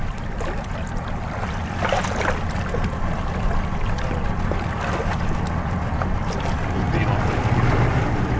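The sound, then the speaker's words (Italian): The rescue operators' boat engine rumbles steadily across open water as it approaches, buffeted by wind noise on the microphone and growing slightly louder toward the end, with faint muffled voices in the background. “Ok, a questo punto l'imbarcazione degli operatori si avvicinerà.”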